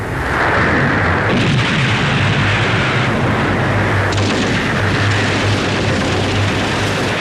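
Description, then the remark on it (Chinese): Dense, continuous battle noise of the Battle of Xiangjiang on 1 December 1934, on both banks of the Xiang River in morning mist: rapid gunfire and heavy artillery booms overlap in a loud, chaotic roar that never lets up, with deep low rumbles beneath sharp crackling shots. “晨雾尚未完全消散，枪炮声、喊杀声响彻湘江两岸。”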